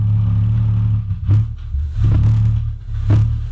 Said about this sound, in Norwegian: Og her så skal dere få et eksempel. Dette er et av mange opptak som ligger der ute av The Windsor Hum fra Windsor i Kanada.